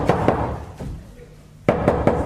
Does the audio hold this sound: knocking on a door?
yes